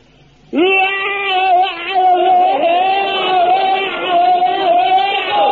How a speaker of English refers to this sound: Now, when it comes to bayonet drill, very important thing to remember is your scream. Now, the scream is the thing that really puts the wind up the enemy. Now, you fill your lungs up to the air and let it out like this.